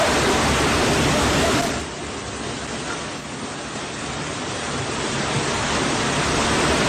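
A loud, steady roar of rushing floodwater carrying garbage surges through a creek in barangay San Nicolas Proper, constant, easing slightly for a moment before building back to full force. No voices are heard.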